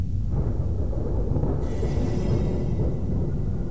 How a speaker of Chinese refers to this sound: 然而封禅后下山时，一场突如其来的暴风雨让此次封禅之行倍加坎坷。